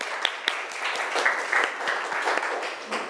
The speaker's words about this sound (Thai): ปรบมือดังๆให้เพื่อนของเราหน่อยค่ะ